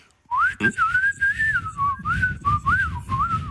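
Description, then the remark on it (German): A person whistles a wavering, warbling tune into a mobile phone, imitating birdsong to test a bird-identification app, with a brief click near the start and low background rumble underneath. “Na komm, die App merkt doch bestimmt nicht, wenn ich sie austrickse und mal wie ein Vogel pfeife, oder?”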